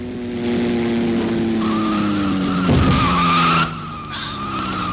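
A car heading toward a man crossing the road skids hard with a loud, drawn-out tire squeal, the engine whining as the pitch shifts, followed by a brief heavy thud before the noise cuts off and settles into quieter road sound.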